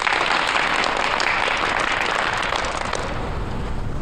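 A burst of applause from students fills the whole four seconds: dense, steady clapping from many hands at a constant, fairly loud level, with no voices over it.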